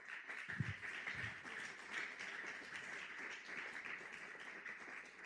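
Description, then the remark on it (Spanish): An audience claps their hands for the Lord in a dense, steady wash of applause that holds at an even level throughout, with a couple of low thumps near the start and no voices. “Dele palmas al Señor.”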